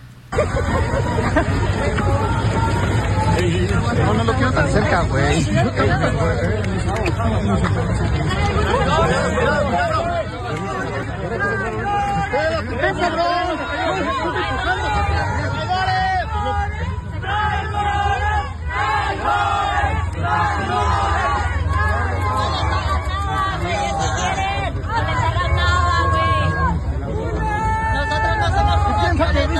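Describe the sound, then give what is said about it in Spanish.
A crowd of searching mothers (madres buscadoras) at a protest in Mexico City shouts and jeers loudly and continuously, yelling 'traitors' as they drive Mexico City government secretary César Cravioto out of the demonstration; many voices overlap in angry chanting and yelling, with a steady din of babble underneath throughout. “Vamos a escuchar esta reacción en el momento en que literalmente corren al secretario de gobierno de la Ciudad de México, César Cravioto, con los gritos incluso de traidores, le dicen las madres buscadoras.”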